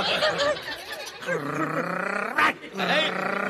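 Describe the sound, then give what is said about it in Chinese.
A man imitates a growling dog pretending to bite, with several rough, strained vocal snarls, pausing briefly before one last drawn-out growl. “怎么咬着呢？”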